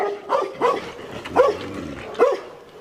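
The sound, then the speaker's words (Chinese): Three fierce dogs bark at a Tibetan brown bear as it eats from the dogs' iron food bucket, sharp repeated bursts, about four loud barks spaced roughly evenly over a few seconds, with a steady background hum and no talking. “这头西藏棕熊对三条猛犬的紧逼视若无睹，从容不迫地走到了为狗盛食物的铁桶前，毫无顾忌地享用着桶中的食物。”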